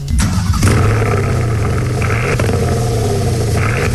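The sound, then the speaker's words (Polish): A sports car engine revs loudly and steadily for several seconds, a deep rumbling growl with rising and falling surges, played back through a small phone speaker with no talking over it. “Opowiadaj o Panamerze, ja kocham Panamerę w ogóle.”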